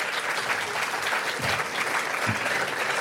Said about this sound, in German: War auch nicht schlecht, auch der Beifall.